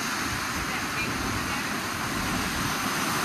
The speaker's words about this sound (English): This is, I think, Rainbow Falls, it's called. Oh, no, this is just it's the ocean.